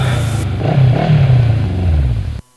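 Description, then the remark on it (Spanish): A motorcycle engine revs up loud, its pitch climbing and dipping over a couple of seconds before cutting off abruptly. “Actúa normal. Ahí viene tu Moto Crush.”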